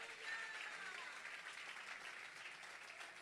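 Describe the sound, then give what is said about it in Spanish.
An audience claps steadily in sustained applause of praise to Christ, a dense, even patter of many hands that holds at a fairly constant level for several seconds with no speech over it. “Dele palmas de alabanza a Cristo.”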